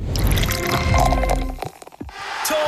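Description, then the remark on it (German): Liquid pours steadily into a cup or glass for about a second and a half, followed by a few soft drips and clinks before a quiet background hum. “Oh, Trinkpause. Ja. Gib's mir den Espresso oben links. Prost.”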